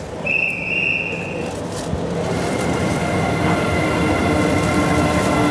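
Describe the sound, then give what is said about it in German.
An electric locomotive slowly pulls the D300 night express train out of Berlin Gesundbrunnen station into the darkness, bound for Copenhagen, Malmö and Stockholm. A steady, dense low roar, with a brief high whine early on and faint metallic tones above, and no voices present. “Langsam zieht die E-Lok den Nachtschnellzug D300 in die Dunkelheit.”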